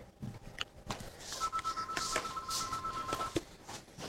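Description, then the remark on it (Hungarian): A telephone at the Tilos Rádió station (90.3) rings once with a steady electronic two-tone burst lasting about two seconds, moderately loud over a noisy, rumbling background, with no one speaking. “A Szabad és Független Tilos Rádiót halljátok 90.3-on, és csüng a telefonunk, gyorsan fölveszem.”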